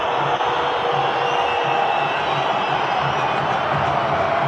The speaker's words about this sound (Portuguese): Vaias na casa corintiana em Itaquera, na Neoquímica Arena.